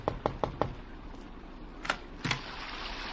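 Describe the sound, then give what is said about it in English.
Four quick, evenly spaced knocks rap on a door late at night in London, followed after a pause by two more separate knocks, all set against a steady hiss of background noise with no one speaking. “I thought it was his knock that I heard on my door.”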